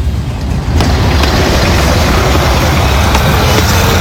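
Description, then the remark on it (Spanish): Steady street traffic rumbles, a dense low roar of car and truck engines with a continuous wash of road noise and no one speaking. “¿Qué le parece si aprovechamos el tráfico?”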